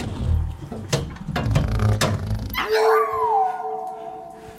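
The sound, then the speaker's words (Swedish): The dog Tofu, thrown down a rubbish chute, barks and yips in quick, sharp bursts, then breaks into a long, wavering howl that slides downward, all sounding hollow and echoey as if carried through the chute's pipe. “Den hunden kan inte bete sig för 5 öre, det vet du ju.”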